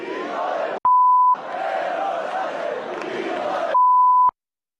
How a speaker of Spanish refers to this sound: Yo lo del pitido, de verdad que lo llevo fatal, pero bueno, diga, nos mandan poner, lo que quiere usted que le diga. Pero por otra parte, creo que se percibía lo que ha querido decir la multitud.